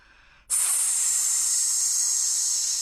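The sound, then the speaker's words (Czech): A loud, steady hiss from a large snake looming over a girl's bed at night begins abruptly after a brief quiet moment and holds without a break, bright and airy. “Zasyčel had.”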